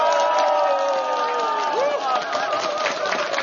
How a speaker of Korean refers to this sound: 자, 우리 같이 한번 함성 박수로 다시 한번 시작해 볼까요?